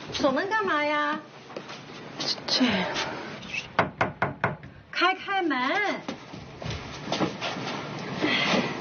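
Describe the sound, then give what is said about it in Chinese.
A loud burst of about six quick, evenly spaced knocks on a locked door, with agitated voices talking and exclaiming, demanding the door be opened, just before and after the knocking. “开门！ 哎呦呦呦呦呦呦！ 赶紧的，藏起来呀！ 门怎么还锁着呢？”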